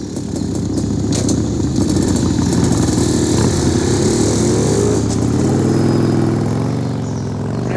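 A loud motorcycle engine rumbles steadily, then revs with a climbing pitch as it pulls away, fading slightly at the end. No one speaks.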